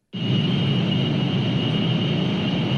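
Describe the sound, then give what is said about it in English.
A steady, droning mechanical hum from a data center that starts abruptly and holds constant, with a deep rumbling low end and a thin high-pitched whine running through it, no voices. “If you live near one of the 3,000 data centers around the country, it might sound familiar.”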